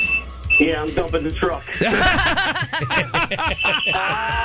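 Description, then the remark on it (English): High-pitched electronic beeping from a dump truck as it unloads at work, heard over a phone call, sounding at the start and again near the end, steady and fairly faint while people talk over it. “Yeah, I'm dumping the truck. So you're getting some beeping.”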